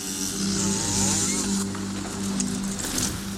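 A chainsaw runs loud for a few seconds, its engine droning with a steady rasping whine that rises and dips slightly as it bites into wood, as a half-naked woman, a former Ukrainian Femen activist, saws down a large Orthodox wooden cross in Kyiv.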